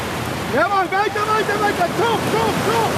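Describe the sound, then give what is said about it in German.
Steady, rushing surf noise fills the background at a beach in Long Beach, California, where the German national coastal rowing team is training, with voices calling out over the churning water. “steht in Neoprenhose und klatschnass im T-Shirt im knietiefen Wasser und wartet auf seine Athleten.”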